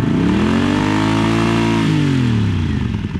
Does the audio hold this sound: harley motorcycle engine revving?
yes